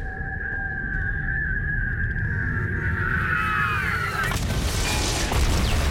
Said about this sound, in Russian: Он ошеломленно прижимает ладонь к уху, оглохшему от взрывов.